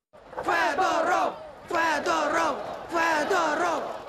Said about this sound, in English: A Kyiv square echoing to the sound of the ousted minister's name. Shame, shame, they chant. Young Ukrainians are furious at the sacking of a man they credit with helping to turn the tide of the war.